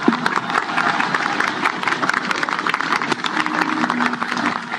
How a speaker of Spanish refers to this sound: Invitamos a la señora presidenta de la República, señora Keiko Fujimori, a dirigir su mensaje en esta ceremonia. Recibámosla con un fuerte aplauso, por favor.